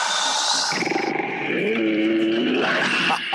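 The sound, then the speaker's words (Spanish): A loud, harsh animal roar fills the whole few seconds, continuous, swelling into a raspy, tonal growl midway before trailing off abruptly at the end. “El rugido.”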